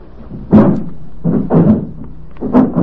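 front door opening

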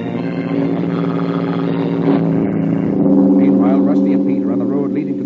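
car approaching

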